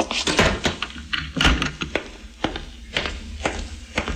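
A door thuds shut, followed by a series of sharp knocks and clicks as it is latched and locked, with a faint shuffle of movement and no voices.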